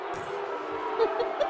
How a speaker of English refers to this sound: Oh, wow, there's an angry arena crowd. Angry. What does that sound like?